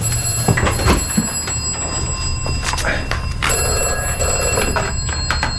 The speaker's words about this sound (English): Oh, what's that? That's... the vestry phone, strange.